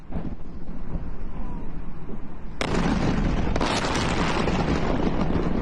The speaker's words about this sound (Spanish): Los videos que llegan desde Irán muestran explosiones contra infraestructura estratégica. Por su parte, el Comando Central de Estados Unidos informó que se realizaron 90 ataques coordinados en distintos puntos de Irán.